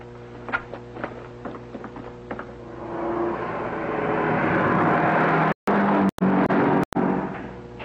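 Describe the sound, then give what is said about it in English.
A few sharp knocks and clicks give way to a car engine roaring in, growing louder and steady as the car drives through number 3 gate without stopping for identification, with brief abrupt dropouts near the end. No one speaks. “Pardon me, sir, but a car just drove through number 3 gate without stopping for identification.”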